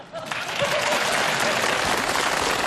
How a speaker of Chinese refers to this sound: 听见鼓掌了吗？